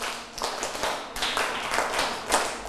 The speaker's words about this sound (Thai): นี่เด็กต้นทางและปลายทางปรบมือ1ครั้ง2ครั้ง3ครั้ง4ครั้ง5ครั้งปรบมือ3ชุด